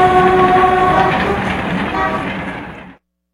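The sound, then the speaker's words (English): A train rumbles past while its horn sounds a steady, sustained blast over the first second or so, then the rolling noise continues and cuts off abruptly. “City traffic, red lights, long trains.”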